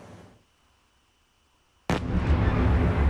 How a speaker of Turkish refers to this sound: Birbiri ardına gelen patlama sesleri ve yükselen alevler. Ukrayna'nın başkenti Kiev semaları gece boyunca Rusya'nın saldırılarıyla aydınlandı.